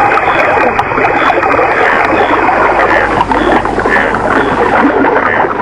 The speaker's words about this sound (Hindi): नदी में पानी बहने लगा।